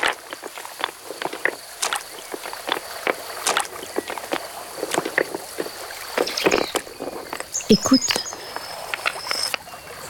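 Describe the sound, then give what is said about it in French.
Footsteps crunch and clack over river pebbles in an irregular series of sharp, bright clicks and knocks as someone jumps from pebble to pebble going up a river, with a brief spoken word near the start and faint high chirps in the background. “comme c'est beau le son des galets.”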